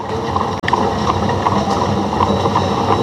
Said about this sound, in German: Das die erste Straßenbahn? Die erste Straßenbahn, ganz genau.